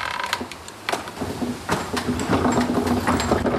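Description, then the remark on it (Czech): Forge bellows driven by a water wheel and transmission starting up after a lever lifts the hatch over the wheel: clunks and mechanical rattles, then a steady low hum grows and settles into a continuous whirring drone. “Já vám rozjedu měch.”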